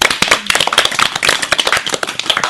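An audience claps loudly, many hands producing dense, irregular sharp slaps that run steadily through the whole stretch with no voices.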